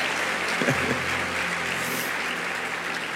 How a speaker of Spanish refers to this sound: Sí, dele más aplausos al Señor. Amén. Amén.